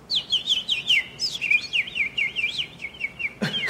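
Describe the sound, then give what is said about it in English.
A person whistles an imitation of birdsong: a steady run of rapid, warbling high chirps that rise and fall for several seconds, fairly clear, ending with a brief rustle. “Yeah, I can make bird noises.”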